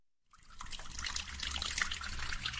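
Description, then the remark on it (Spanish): Water gushes steadily from a tap after a brief silent start, a continuous splashing rush that stays loud and even throughout, with no voices. “Imagina un mundo sin agua.”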